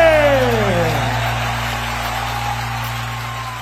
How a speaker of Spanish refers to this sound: ese aplauso, señores, fuerte.